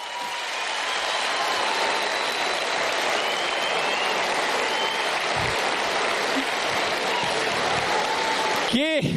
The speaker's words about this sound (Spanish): El show, el público manda, así que pido un fuerte aplauso para mi amigo el señor Pablo Aymar.